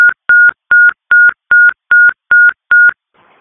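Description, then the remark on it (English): Galveston Fire dispatch paging tones, later called inactive: eight short, loud electronic beeps at one steady pitch, evenly spaced in a quick regular rhythm, then a faint hiss of static. No one speaks. “Galveston Fire, disregard the tones inactive.”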